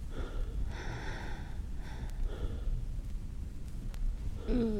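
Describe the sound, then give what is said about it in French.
Heavy, breathless panting, a few ragged breaths in and out spaced irregularly over several seconds, with no talking. “Le premier pas, coucher, essoufflé.”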